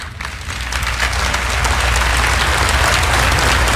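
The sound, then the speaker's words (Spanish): A crowd applauds steadily, dense overlapping clapping that swells quickly from the start and holds at a loud, even level without any voices. “Y usted sabe, yo conozco la diferencia entre aplausos genuinos y medios aplausos.”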